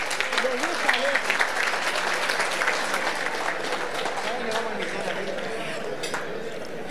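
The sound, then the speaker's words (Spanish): A crowd at a celebration applauds steadily to welcome the singers of the Colonia Suiza for their medley, a dense wash of many hands clapping at an even loudness for several seconds, with a faint murmur of voices mixed in. “Y ahora se viene un momento especial, se viene el popurrí de los cantores de la Colonia Suiza, así que los recibimos con un fuerte aplauso nuevamente.”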